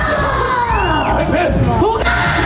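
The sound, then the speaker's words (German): A crowd of children screams loudly and continuously, measured at about 91 decibels, many high voices overlapping in a dense, shrill roar with rising and falling shrieks throughout. “Ja, und jetzt hatten wir sogar 91 Dezibel beim Kreischen.”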